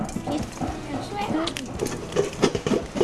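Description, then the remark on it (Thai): Rice grains crackle and pop as they are roasted in a hot pan over high heat to make puffed rice, a scattered run of sharp little clicks, mixed with people talking and general background bustle. “ทำได้เหรอครับพอไฟเยอะอย่างเงี้ย โอ้ยังมีเสียงเม็ดข้าวอยู่เลยอ่ะไหนลองเปิดดูซิว่ามันมีนี่ยังอ่ะ”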